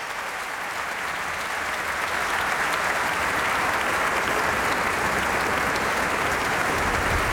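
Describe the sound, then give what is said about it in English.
Sustained applause from a large concert audience calling a soloist back to the stage after an encore with an orchestra, a dense, steady wash of clapping hands that stays loud and even throughout, with no voices standing out. “Et qui donc le rappelle une nouvelle fois pour l'applaudir.”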